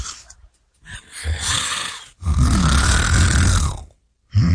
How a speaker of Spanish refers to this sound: Y un señor se le caía casi la cabeza del sueño, ahí en la tercera banca. La placa se le desacomodaba, pero él no paraba de roncar.